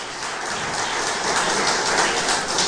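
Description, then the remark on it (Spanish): A church audience breaks into sustained applause for Jesus Christ, a dense, steady wash of many hands clapping at once with no voices over it, holding loud and even for the whole stretch. “Dele un fuerte aplauso al Rey de Reyes y Señor de Señores, Jesucristo.”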